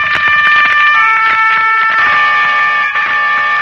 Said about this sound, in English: Not the distant horn of Roland, protector of France, but the strident horn of the motor car that was to take an American child away from the scenes of his happiest years and set him on his journey home.